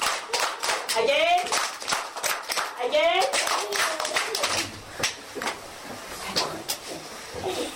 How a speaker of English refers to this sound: Clap your hands.